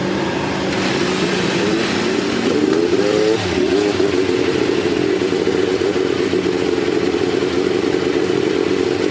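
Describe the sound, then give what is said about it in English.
Several powerful Indy race car engines at Indianapolis roar to life together on the command to start engines and rev, a loud, dense mechanical drone with rising pitch sweeps, with a busy crowd-like wash underneath throughout. “he made a bit of an alter to the way that he introduced the command to start engines”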